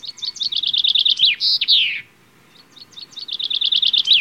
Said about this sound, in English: Yeah, chaffinch is just a standard little garden bird in Britain. Bird watchers lump all these sort of birds together that they call LBJs, little brown jobs, just little brown things.